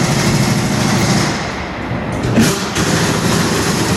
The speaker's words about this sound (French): Donc là, on est sur le démontage de roues sur un véhicule moteur, donc justement pour pouvoir effectuer les opérations sur les pneumatiques.